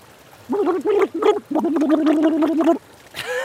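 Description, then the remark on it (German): Bubbles blown through a glass of water make a buzzy, gurgling, voice-like tone: three short bursts, then one longer sustained stretch, fairly loud, ending with a brief watery slosh. “Okay, das war schon mal so, wie man im Wasserglas ein bisschen reinprustet.”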